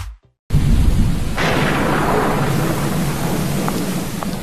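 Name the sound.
thunder and rain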